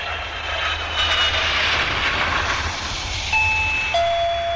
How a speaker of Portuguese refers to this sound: Ouvintes, a campainha tocou, você já sabe, é hora das notícias de Brasília.